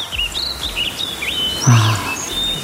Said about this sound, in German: Es gibt ja da morgens eine richtig feste Reihenfolge beim Singen bei den Vögeln. Ne? Als allererstes ist es der Hausrotschwanz. Ne? Schon weit vor Sonnenaufgang fängt er an. Danach kommt die Amsel und dann nach Sonnenaufgang die Spatzen.